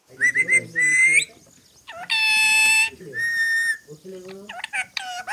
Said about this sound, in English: the parrot demands rice from her perch on a balcony in Dambagula village.